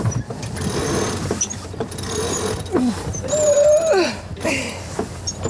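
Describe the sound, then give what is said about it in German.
Two crew members crank a sailboat's winches, the drums over which the lines run, a steady mechanical ratcheting with rising and falling squeaky whines as the line strains, over a constant background rush. “kurbeln an den Winschen genannten Trommeln, über welche die Leinen führen.”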